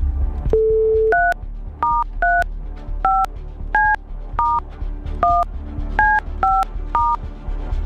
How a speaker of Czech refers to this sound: já jdu vytáčet to telefonní číslo, teď jsem zvědavý, jak to udělám s tím mrtvým ukazováčkem, ale třeba se to podaří.